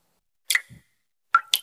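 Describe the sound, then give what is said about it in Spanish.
Water drips from a shower: a few sharp plinks at uneven intervals, one followed by a soft low plop, with silence in between. “Nada, que me gotea la ducha.”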